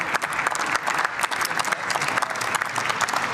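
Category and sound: crowd, parliament applause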